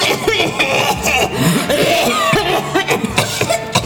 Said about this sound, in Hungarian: Mindenki kocint, isznak, a nővérek köhög.